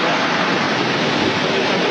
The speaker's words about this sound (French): Ah, on y est là, hein, on est dans l'ambiance. Ça fait du bruit. Exactement, et particulièrement cette année avec beaucoup d'avions présents. Donc on vient de voir passer au-dessus de nos têtes des F-16, des F-18, des Rafales grecs, espagnols